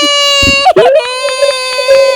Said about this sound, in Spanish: Ya casi, no hombre, te salvó la chicharra, casi te da cuello.